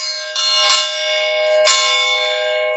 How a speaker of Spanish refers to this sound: cuando ya tenemos la orden de campana de largada para esta primera carrera, donde vamos a tomar el relato oficial del hipódromo.